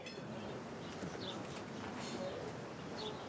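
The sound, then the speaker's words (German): Birds cooing in the aviary at the Wilhelmshöhe, a steady dense wash of bird sound with a few brief higher chirps poking through, all at an even moderate level with no talking. “Die Wilhelmshöhe ist nicht nur berühmt für ihre Terrasse auf dem Cliff, sondern auch für eine Vogelvoliere.”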